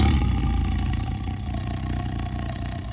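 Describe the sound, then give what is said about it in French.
A deep, rumbling tiger roar, loud, holding steady and unbroken for about three seconds with a gritty, growling texture and no talking. “Si mon repas n'est pas là, ne serait-ce qu'une seule fois, je vous massacrerai jusqu'au dernier, rugit-il.”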